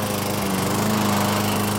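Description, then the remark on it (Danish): A lawn mower engine drones steadily, a constant buzzing hum with a rough, rattling edge that holds level throughout, with no voices. “Havemaskiner, der bare holder.”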